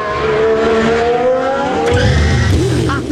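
A loud race car engine roars and climbs in pitch as it accelerates, steady, with a brief squealing burst of tires near the end, during Band News FM radio coverage of a Grand Prix.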